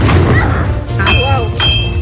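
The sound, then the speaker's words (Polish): Two heavy cannon blasts boom in quick succession over a constant low rumble, sharp and loud with a ringing tail, while faint voices murmur in the background, during historical drill at Wisłoujście Fortress in Gdańsk, Poland. “I słyszymy te wystrzały. Słyszymy wystrzały, armaty co chwilę, musztra.”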